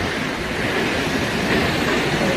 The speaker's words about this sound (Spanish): Son 222 metros de caída en un circo de piedra fabuloso. El sitio en sí ya es espectacular, pero claro, si ves caer esa cola de caballo, esa cola de agua, pues más todavía. Bueno, es que mira cómo suena, digo, es que mira cómo suena.